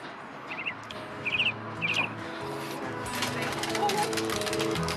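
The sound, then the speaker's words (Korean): Small birds in an aviary on an apartment balcony, home to various kept birds, chirp in three quick, bright bursts near the start, each a rapid trill of high tweets, over a steady layered background hum that continues after the calls fade. “비둘기 박물관에 온 듯 다양한 새들이 살고 있었는데요.”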